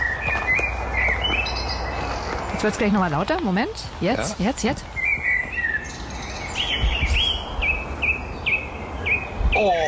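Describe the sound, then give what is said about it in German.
Birds sing outdoors on a hill among very tall trees, recorded on a mobile phone, with repeated high chirps and a loud burst of rapid, warbling song in the middle, while a person speaks briefly over the calls. “und da habe ich mal kurz das Handy ausgepackt und habe ein paar Vogelstimmen aufgenommen.”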